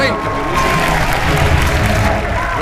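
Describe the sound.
Steady, dense applause from a studio audience, loud and continuous for a few seconds, with crowd noise and faint voices mixed underneath.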